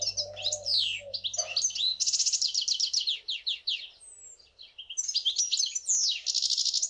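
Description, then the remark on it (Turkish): A songbird sings a rapid, continuous song of bright chirps, trills and warbles, loud throughout, with brief pauses between phrases and no talking. “Buna ötüş diyoruz, evet.”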